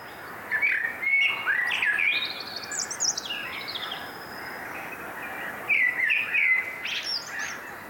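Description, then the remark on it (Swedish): Bright, twittering birdsong at night rises in two bursts of quick chirps and warbling trills in birch forest about 60 meters from a stream in Björkeby, Sweden, over a steady rushing wash like flowing water, broadcast on Sveriges Radio's Fågelsångsnatten. No one speaks. “Sök på Fågelsångsnatten.”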